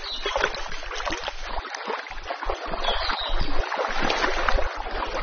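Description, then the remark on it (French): Flowing river water rushes and burbles steadily for the whole stretch, a dense, continuous wash of sound, with no voices over it. “Moi j'adore cette rivière, la couleur de”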